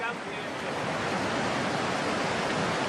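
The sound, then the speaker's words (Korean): A steady, dense roar of rushing water and waterfall spray at Victoria Falls, heard at Angel's Pool on the edge of the falls, fills the whole stretch, loud and close, with an even hiss and no pauses or distinct splashes. “폭포의 물보라가 만들어내는 무지개와 잘 어울립니다.”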